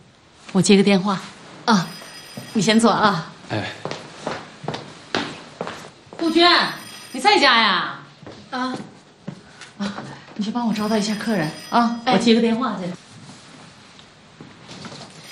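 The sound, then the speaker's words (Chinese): A telephone rings in repeated bursts, with steady electronic tones recurring between stretches of conversation. Voices talk over and around the ringing throughout. “我接个电话，啊，你先坐啊。”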